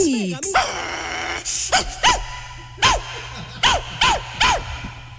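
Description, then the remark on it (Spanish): A dog barks loudly, about half a dozen sharp barks at irregular intervals, with a low rumbling tone running steadily underneath. “Agarra ese perro”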